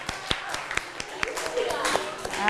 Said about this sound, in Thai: อ้าวปรบมือนะคะ